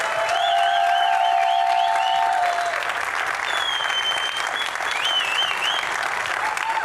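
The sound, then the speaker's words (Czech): Sustained, dense applause from a large audience welcoming cross-country skier and biathlete Simona Bubeničková, three-time silver medallist at the Milan Cortina Paralympic Games, steady and loud throughout, with scattered whistles rising and falling above the clapping and some faint cheering mixed in. “pojďme prosím úplně všichni, kdo jste sem za námi přišli, a koukám, že vás je docela dost, velkým potleskem přivítat běžkyni na lyžích a biatlonistku, trojnásobnou stříbrnou medailistku z paralympijských her v Miláně a Cortině Simonu Bubeničkovou.”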